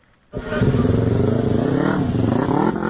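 A motorcycle engine starts abruptly and revs loudly, its pitch rising and falling in steady throttle surges for a few seconds without letting up.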